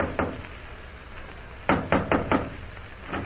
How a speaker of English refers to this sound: hurries to the Central Hotel, goes to room 419, and knocks on the door.